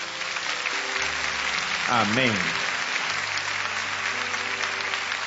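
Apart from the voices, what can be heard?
audience applause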